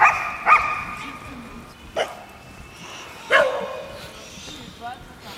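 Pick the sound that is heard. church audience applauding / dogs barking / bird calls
dogs barking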